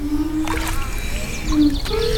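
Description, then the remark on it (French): Resonant, humming tones from a ceramic piece in a musical artwork, held at the end of a fishing-rod-like pole and dipped into water, its pitch sliding and swelling over gentle watery splashing, with faint birdsong in the background. “qui ont créé une œuvre musicale à partir de céramique. Et c'est le contact avec l'eau qui donne le son.”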